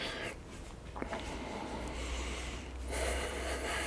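Heavy, rushing breaths after exertion while marching in place, a steady stream of airy inhales and exhales that swell louder near the end, with no talking.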